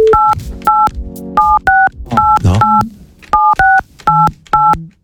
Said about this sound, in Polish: Linia dźwięków była ograniczona. Oj tam. Pracujemy nad tym. Jedyny człowiek, który potrafi grać na telefonie i jeszcze mieć swoją premierę w radiu.